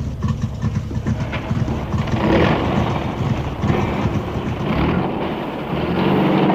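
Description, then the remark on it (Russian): A truck carrying passengers rumbles steadily along a road, its engine drone loud, with rattling and road noise continuing unbroken throughout and no voices. “Мы катим дальше.”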